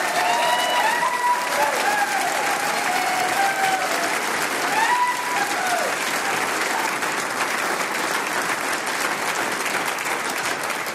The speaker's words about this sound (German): 40 Jahre … und liebe Damen und Herren da im Saal, ich würde sagen, wir gratulieren dieser Gruppe einmal mit einem ganz, ganz besonderen Applaus. Liebe …, der Applaus ist für euch.